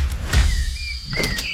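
A refrigerator door pulls open with a soft thump and clatter, followed by a few high squeaky rubbing tones and a couple of sharp clicks, all brief with no talking.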